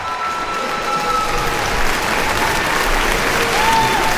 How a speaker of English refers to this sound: The curtain descends on Bizet's tragic masterpiece with roaring cheers and applause from the audience.